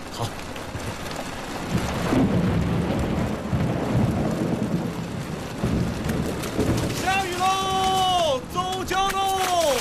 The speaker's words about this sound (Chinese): 这雨越下越大，今儿怕是出不了船了。嗯，天要下雨，那谁也拦不住。